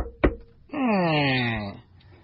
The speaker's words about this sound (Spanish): En un pueblecito de Chiapas, tocan a la puerta.